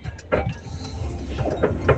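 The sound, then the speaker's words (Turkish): A listener's old car, heard from inside while sending a voice message, rattles and clatters as if about to fall apart, a steady low rumble broken by a few sharp metallic knocks and clanks at irregular moments, moderately loud. “Evet, biraz önce bir dinleyicim aracından sesli mesaj gönderdi ama araç takır tukur takır tukur dökülmek üzereydi.”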